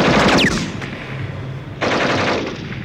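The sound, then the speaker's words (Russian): Loud, rapid fire from a machine gun shooting at tanks rattles in a dense burst with a brief whistling whine, eases into a quieter rumble, then a second harsh burst starts up and continues to the end. “Мой пулемет работал точно. Первая же очередь пуль ушла в щель головного танка, машину занесло в сторону, и она встала со всего хода в руках своего мертвого водителя.”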